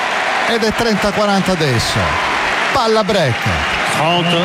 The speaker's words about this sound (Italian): Sentite l'applauso, tanto azzurro in tribuna, sentite l'applauso dei tantissimi italiani presenti in tribuna sul Philippe Chatrier a tifare per Flavio Koboli.